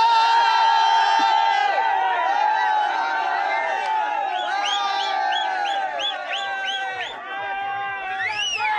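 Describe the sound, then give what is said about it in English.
A large crowd at TVK political party celebrations, awaiting a formal announcement from the headquarters, cheers and shouts continuously, many voices overlapping, with a string of rising whoops or whistle-like calls breaking through in the second half. “We want to see the TVK celebrations right now.”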